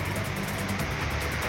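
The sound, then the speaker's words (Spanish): Steady, dense rumble of car engines idling and creeping in a large traffic jam of cars heading from south to north, a continuous low drone with a broad hiss over it and no clear individual vehicles standing out. “Hay un taco de proporciones acá.”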